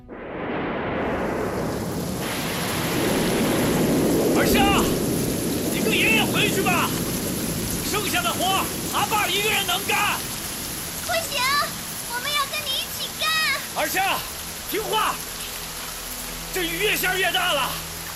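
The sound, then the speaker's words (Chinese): Heavy rain pours down in a steady, dense hiss on people working to finish paving a stretch of road, with a deep rumble early on and several voices calling out over the downpour. “这雨越下越大了，你太小了，爷爷腰不好。”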